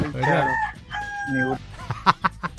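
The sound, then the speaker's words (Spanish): A rooster-crow alarm clock tone: two long, warbling crowing calls, loud and harmonic, followed by a quick run of short clucking bursts, with no one talking. “¿Te acuerdas que había una alarma que sonaba como un gallito?”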